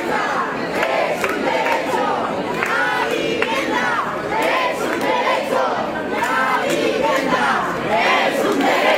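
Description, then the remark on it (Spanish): A large protest crowd shouts in loud, sustained angry roars, many voices overlapping continuously with rising and falling bursts of yelling, during a minute of rage held at 8 p.m. over the death of an 87-year-old woman evicted in Madrid. “Lo hacían a las 8 de la tarde, un minuto de silencio y otro de rabia por el fallecimiento de la mujer que a sus 87 años fue desahuciada hace 2 semanas en Madrid y que provocó el movimiento social y político que estamos viviendo.”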